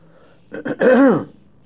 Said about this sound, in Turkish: Biz öksüreceğiz. Sesimiz de kısık olacak. Ama inşallah sohbetimizi devam ettireceğiz.